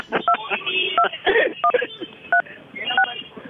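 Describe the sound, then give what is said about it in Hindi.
A series of about six short, high dual-pitched keypad beeps pressed on a mobile phone during a Radio Mirchi call, spaced fairly evenly as if someone is dialing a number, with voices talking underneath throughout. “अगर आपको इस सबसे मजा आया हो तो कृपया दबाए 5,07,339”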